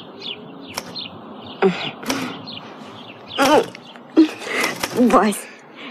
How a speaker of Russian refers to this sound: Темные стекла верхних этажей сразу сделались голубыми, зеленая ветка тополя празднично вспыхнула перед окном, и с Невского, как всегда, прилетели воробьи клевать мошек и яркую кирпичную крошку у водосточной трубы.